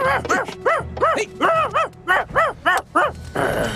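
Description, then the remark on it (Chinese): A small dog barks and yips in a quick, steady run of about nine high-pitched, loud bursts, with no voices. “拜拜了，小狗狗。”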